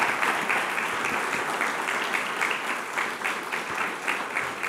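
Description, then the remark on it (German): Sustained applause from a live audience, a dense steady patter of many hands clapping at once, fairly loud and continuous throughout with no talking over it. “Nochmal einen großen Applaus.”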